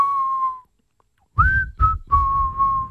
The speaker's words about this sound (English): What is that we're whistling here?